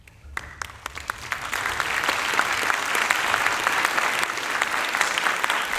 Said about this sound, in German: Warum denn Klatschen? Etwa, weil die klassische Musik von den Kürzungen im Kulturhaushalt weitestgehend verschont bleiben wird? Wohl kaum. Wahrscheinlich doch eher aus Verlegenheit, weil es so schwierig ist, über solche Themen zu sprechen.